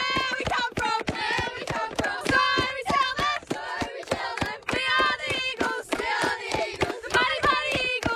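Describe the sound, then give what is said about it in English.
A group of children shout a team war cry together, their high voices chanting loudly in unison over steady, rhythmic clapping and stomping that keeps a quick beat throughout. “All right, do you have a war cry or a cheer or anything?”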